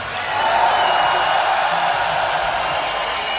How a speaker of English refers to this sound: We'd like to take a moment and ask you all to give an incredible roar of applause in memory of the great …. An even louder roar of applause for the great ….